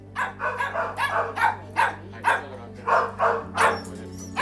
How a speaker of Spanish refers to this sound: Es la banda sonora de cada día en la protectora Anerpa, en Alguazas. Allí conviven más de 50 perros y gatos, la mitad abandonados, el resto extraviados.